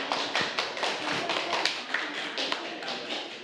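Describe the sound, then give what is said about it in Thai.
A classroom full of people claps in a dense, sustained burst of applause for a student representative after a presentation, many hands overlapping into a steady crackle with a few sharper claps standing out, lasting a few seconds. “ขอบคุณค่ะขอเสียงปรบมือให้กับตัวแทนด้วยค่ะ”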